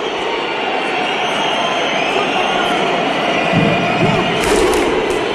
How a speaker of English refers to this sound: See, that's Iceland. They bang the drum and the fans know exactly when to come in with the big hoo. And that eggs on their players.